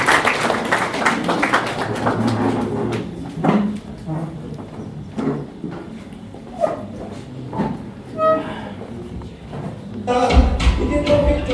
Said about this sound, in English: Please, may we clap for her, she comes to do this.